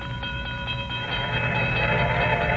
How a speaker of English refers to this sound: Stopped the car at a sleepy little junction just across the border into Oklahoma to let a train pass by.